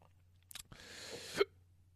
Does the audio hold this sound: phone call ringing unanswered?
no